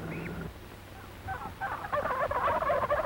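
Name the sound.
turkey gobbler gobbling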